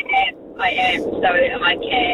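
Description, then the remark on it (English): A thin voice on a hands-free phone call from a driving car speaks in short bursts over a steady, low rumble of car road noise that continues underneath without a break. “Are you driving at the moment,”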